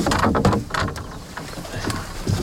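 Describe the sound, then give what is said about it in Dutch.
A canoe scrapes and bumps as it is pushed off the bank into the water, with splashy, rustling noises and a few knocks over about two seconds. “Ik zal de kano van de kant afduwen.”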